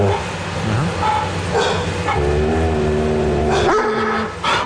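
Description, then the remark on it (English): A dog growls steadily at another animal, a continuous low rumble broken by a few sharper yips and a rising whine, with no talking. “So after feeling all excited about PETA, they're growling at another animal.”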